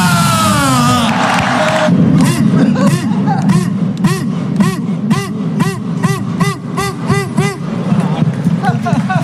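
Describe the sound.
A big crowd of Deportivo de La Coruña football fans in Plaza María Pita, A Coruña, shouts and cheers loudly and continuously at 3:45 in the morning, celebrating the team's return to the first division, many voices overlapping, with rhythmic chant-like bursts pulsing through the middle of the roar.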